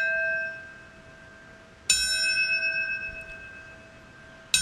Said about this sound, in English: yesterday in New York City, a ceremony took place at the 9/11 Memorial and Museum to remember the devastating attacks. Seven bells rang out in order to honor those who passed away from health complications due to the related attacks.